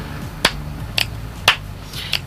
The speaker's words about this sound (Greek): Μην χτυπάς παλαμάκια, δεν σ' ακούνε.